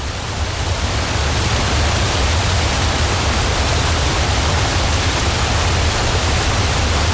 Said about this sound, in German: Und wir sind natürlich dann sofort auf die Suche nach einem Wasserfall gegangen.